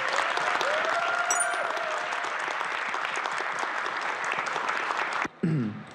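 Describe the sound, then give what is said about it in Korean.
A burst of steady, dense audience applause lasts several seconds, loud and continuous, welcoming the new hosts of a revamped program. It cuts off abruptly near the end, followed by a brief snippet of voices. “힘찬 박수 부탁드립니다.”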